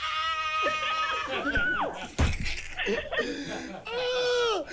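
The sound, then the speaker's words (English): A woman screams excitedly in a string of loud, high-pitched shrieks, with a short noisy burst in the middle before her squealing picks up again. “Scream!”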